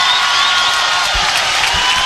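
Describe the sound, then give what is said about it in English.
A steady, dense roar of an arena crowd cheering at a volleyball match against Nebraska in Brookings, loud and unbroken for about two seconds, with no clear voices standing out from the mass of noise. “Let's crowd noise, keep it going.”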